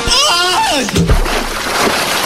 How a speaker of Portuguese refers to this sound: Depois disso, ele tibunga num açude com água gelada.